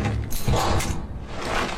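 The door of a small room is shut, followed by a rattling mechanical clatter of the lock being worked as it is locked from outside, fairly loud and brief with no voices.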